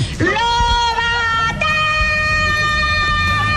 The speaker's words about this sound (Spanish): tú te acuerdas del mítico grito de …, mira, lo escuchamos. Soy …, la señora que más grita de España, y os lo voy a demostrar.